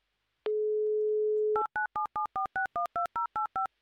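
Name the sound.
telephone dial tone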